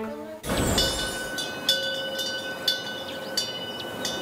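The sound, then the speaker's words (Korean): A wind chime rings with sustained, shimmering metallic tones, struck again every half second or so by light, bright clinks that keep the ringing going. No one speaks. “이 풍경 소리가 진짜 이 감성을 완벽화시키는 것 같아.”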